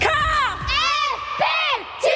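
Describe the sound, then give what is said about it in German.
A group of under-14 girls at basketball club training screams together in greeting, loud, high-pitched bursts, several overlapping shrieks rising and falling in quick succession, piercing. “Danke fürs Schreien.”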